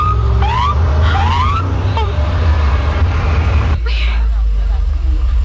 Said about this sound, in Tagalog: Ma? Ang patrol car? Nagapakanto diri?